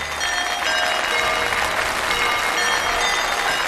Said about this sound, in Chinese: 现在让我们以最热烈的掌声有请吴老师精彩开课。